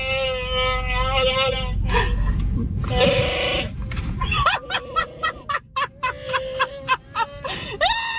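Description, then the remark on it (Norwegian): An electronic voice-changer mask lets out a loud, warbling growl-roar, one long drawn-out howl followed by a run of choppy, stuttering bursts, fairly loud. “That's not me making that noise, it's the mask!”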